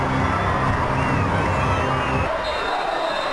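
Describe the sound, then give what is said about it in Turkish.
A large stadium crowd roars and cheers in a steady, loud wash of noise as the players walk onto the pitch before an England football match, in fine weather. A low droning hum runs beneath it before cutting out partway through, while the cheering carries on. “Atmosfer çok güzel. Oyuncular sahaya çıkıyor.”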